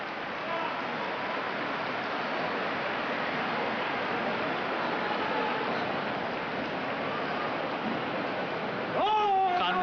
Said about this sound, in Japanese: どよめき